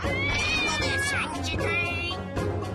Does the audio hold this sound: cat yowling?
yes